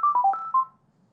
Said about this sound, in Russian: Вот таким образом работает будильник. Вот такая вот мелодия установлена. Поменять ее нельзя.